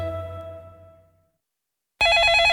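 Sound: telephone ringing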